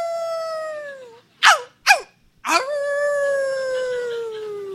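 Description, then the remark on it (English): A voice howls like a dog: a long, falling wail, two sharp yelps, then another long howl that slowly trails downward. Loud, with no talking. “But I just lifted my head, and I howled, like, ow!”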